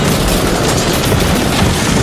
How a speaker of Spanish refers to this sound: Yo he escuchado un disparo. Era un francotirador de láser.